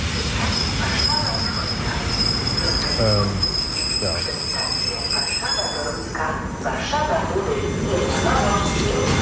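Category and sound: vehicle, regional commuter train running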